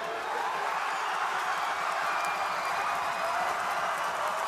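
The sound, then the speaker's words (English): A large stadium crowd roars and cheers as Callum Brown's goal puts the GWS Giants in front, in a steady, dense wash of noise with scattered applause, sustained at an even loudness for the whole stretch with no single voice standing out. “The crowd says it all.”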